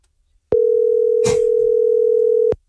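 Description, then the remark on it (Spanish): A steady telephone dial tone hums loud for about two seconds, one unbroken electronic tone with a brief rustle partway through, then it cuts off abruptly, as a call is placed to a driver. “A ver, Pau, tenemos el teléfono de este compita que es chofer.”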